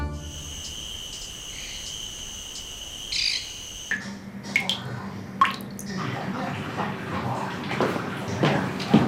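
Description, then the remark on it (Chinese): Water drips in scattered, sharp little plinks from a faucet that is not broken but deliberately left dripping to save on water, after a stretch of steady insect-like chirring fades out; no one speaks. “老太太，你们家水龙头坏了？ 哎呀，水龙头没坏，是你爸在偷国家的水。”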